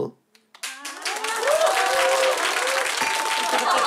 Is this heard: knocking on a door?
no